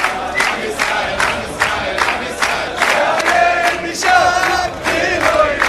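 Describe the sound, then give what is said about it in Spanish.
A large crowd shouts and cheers together in loud, rhythmic bursts, chanting repeatedly to erase and raze Palestine, with the roar of many voices filling the scene throughout. “¿Y sabés qué le gritan? Hay que borrar, arrasar con Palestina.”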